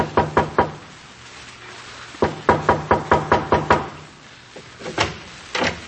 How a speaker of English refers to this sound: There is a knock at the back door.